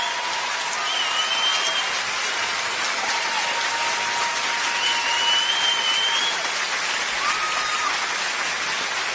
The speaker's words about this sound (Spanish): creo que es el momento adecuado de darle un aplauso al maestro.